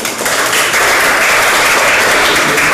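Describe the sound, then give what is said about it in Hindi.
Loud, steady applause from an audience at a team quiz competition, a dense wash of many hands clapping at once that holds evenly for a few seconds with no voices over it. “तो चलिए एक बार जोरदार तालियां हो जाए थोड़ी सी।”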